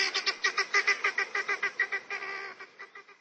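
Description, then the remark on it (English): Helmeted guinea fowl squawk in a rapid, harsh run of calls, about three per second, loud with no pauses, the chatter of several birds overlapping. “Helmeted guinea fowl are easily domesticated, but they'll always remain flighty, squawky, birds in a panic.”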